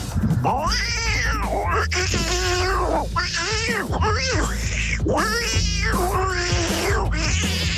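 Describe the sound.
A person imitates tomcats in heat fighting over a female cat, producing a long run of loud, wavering yowls and rising-falling caterwauls, continuous, with strained howling tones swooping up and down for several seconds.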